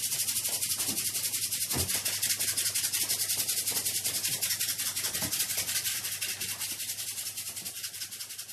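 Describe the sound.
A rasping imitation of cicadas chirping: a dense, high, scratchy buzz made of rapid rhythmic pulses, loud and continuous throughout, with no talking.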